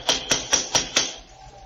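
Five sharp knocks on the door of a house in a quick, steady rhythm, each a crisp hard rap, followed by a brief quiet tail with no voices.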